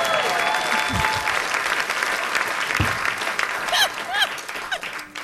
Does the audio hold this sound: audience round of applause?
yes